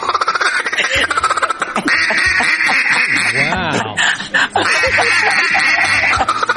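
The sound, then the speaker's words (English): During a television interview, a man does a loud, raspy duck call imitation, a rapid series of nasal quacks, with other people's voices and reactions mixed in around it. “He was on CBS Mornings yesterday and confirmed his relationship status, but also gave us a killer duck call”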